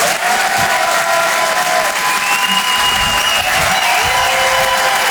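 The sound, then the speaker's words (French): An audience at the Rire et Chanson Comedy Club, live on Rire et Chanson, claps loudly and steadily for a comedian, a dense unbroken wash of applause lasting the whole five seconds, with faint cheering mixed in and no one speaking. “Faites un maximum de bruit, s'il vous plaît”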